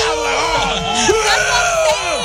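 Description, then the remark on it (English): A group of men yelling and whooping together, their overlapping voices rising and falling in loud, rowdy bursts that fill the whole stretch without a break. “Well, the whole bunch of guys just yelling in the background.”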